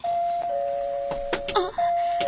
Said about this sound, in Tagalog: May nag-doorbell.